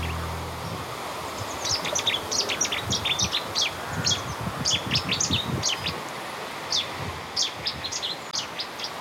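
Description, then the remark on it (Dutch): A Cetti's warbler sings in loud, abrupt bursts of sharp, high chirping notes, repeated in quick clusters over a steady low outdoor rumble, with no voices, in a small wood at the end of a street in Koudum, Friesland, Netherlands. “heeft haar eerste ontmoeting met de Cities zanger.”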